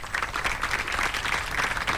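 Steady audience applause fills the whole stretch, a dense wash of many hands clapping at an even, sustained loudness with no voices standing out.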